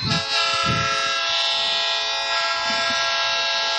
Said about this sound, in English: So there's the old train horn.